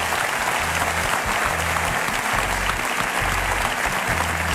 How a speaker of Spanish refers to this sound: Así que da un fuerte aplauso para todos estos compañeros de la SER.